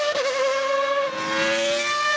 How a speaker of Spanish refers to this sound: ¡Qué hermoso cómo suenan esos motores!